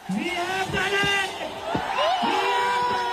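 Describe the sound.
A crowd of Cockroach Janata Party protesters in Delhi, India, cheers loudly and continuously at news that India's education minister Dharmendra Pradhan has resigned, with overlapping shouts and whoops rising over a dense roar of many voices.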